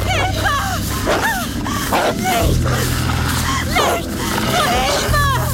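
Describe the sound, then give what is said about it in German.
A pack of wolves encircling someone one morning, snarling and yelping all at once, sharp rising and falling cries overlapping continuously over a low, steady rumbling drone, loud throughout. “Meine Wölfe schienen jemanden eingekreist zu haben.”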